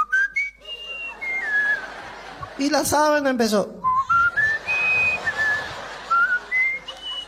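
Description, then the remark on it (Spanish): A person whistles a flute-like melody of sustained and sliding notes, with a brief spoken phrase breaking in midway before the whistled tune resumes. “Cuando estaba así en la sábana, la abuela tiró la flauta y se zampó a la cama, ¿no?”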